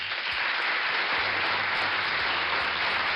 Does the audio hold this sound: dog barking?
no